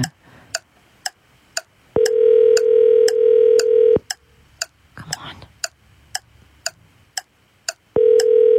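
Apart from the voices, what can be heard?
phone call ringing tone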